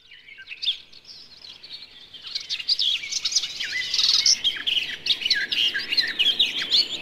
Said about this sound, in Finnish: Lehtokerttu on lehdon lempivä kerttu.